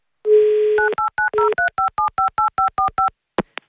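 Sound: telephone number being dialed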